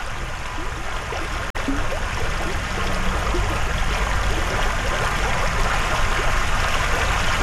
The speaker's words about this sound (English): A babbling brook in Berea.